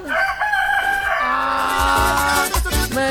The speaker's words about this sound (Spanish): Yo pensé que este gallo ya no iba a cantar más, mira cómo es.